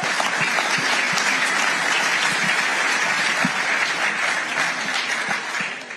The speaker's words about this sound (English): And I think both of you truly deserve an incredible round of applause.